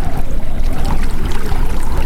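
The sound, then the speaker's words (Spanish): A steady rush of flowing water, dense and continuous with a low churning rumble and no pauses, like a river or stream running. “¿Escuchas el agua, el viento, una voz que te llama?”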